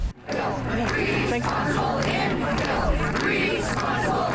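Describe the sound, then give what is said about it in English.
A large crowd of residents protesting infill development shouts and chants together on a sidewalk in the Parkview neighborhood on Sunday, a dense, steady wall of voices with rhythmic surges, loud and continuing without pause. “A large crowd took over the sidewalk in the Parkview neighborhood on Sunday.”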